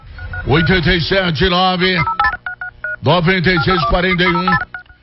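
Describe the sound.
A quick series of short telephone keypad beeps, several distinct dual-tone presses in a row, sandwiched between two loud stretches of voice.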